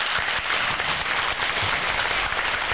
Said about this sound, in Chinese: 最感恩的掌声。